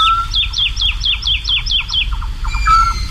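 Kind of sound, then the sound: bird, woodlark singing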